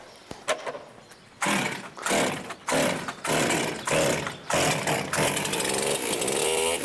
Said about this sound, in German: die Pfleger hätten die Säge vorher testen müssen